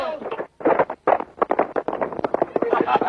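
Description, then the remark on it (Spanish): A horse ridden by Alcor charges at Antonio, its hooves clattering in a quick, uneven rhythm of loud, sharp thuds that keep going without a break. “Alcor, montado en su caballo, arremete estrepitosamente contra Antonio.”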